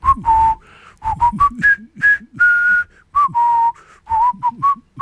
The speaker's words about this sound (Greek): Αυτό το τραγουδάκι, έτσι, αυτό το σκοπό που σφυρίζαν τότε οι εχμάλωτοι. Πολύ χαρακτηριστική αυτή η ταινία, ωραία ταινία εποχής.